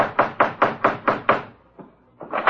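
Six firm, evenly spaced knocks on a door by the Falcon, Charlie and Vince, fairly loud, followed by a brief pause and a faint tap before two more knocks begin.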